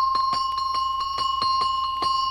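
A small neck bell with an oval cross-section, of the kind traditionally called a Gypsy bell, shaken in a quick, steady rhythm of about eight strikes, its bright metallic tone sustaining between hits, with no voices.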